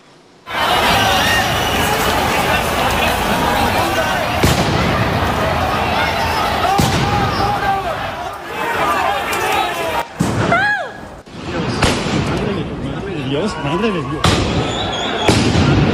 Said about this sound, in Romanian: Forțele de ordine au folosit gaze lacrimogene și gloanțe cu cauciuc după ce protestatarii au încercat să distrugă baricade, au blocat circulația și au aruncat cu pietre.